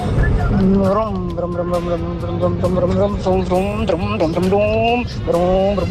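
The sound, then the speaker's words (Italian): A voice imitates the engine of an expensive car revving and changing gear, with a steady droning hum that dips and climbs again several times. Loud, filling the whole stretch. “Si vede come ha cambiato la marcia.”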